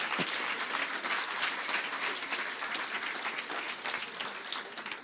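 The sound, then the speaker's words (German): Steady applause from a poetry slam audience for a slam poet from Leipzig after her score of 26 points, a dense, even wash of many hands clapping at once, fairly loud and sustained without any talking over it. “Applaus für die Slammerin aus Leipzig.”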